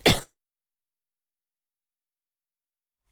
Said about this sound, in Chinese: 抱歉，有点咳嗽哈。